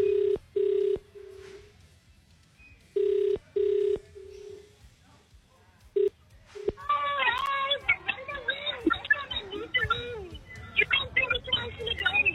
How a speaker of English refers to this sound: First, let's make a call to somebody. Let's do it. Da-da-dun. Ooh, it's ringing. Here we go.